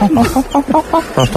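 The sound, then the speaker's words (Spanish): A person imitates a monkey with a rapid run of short, high-pitched hooting chatters, about eight quick voiced bursts. “Escucha, escucha, ya mete el micro al mono.”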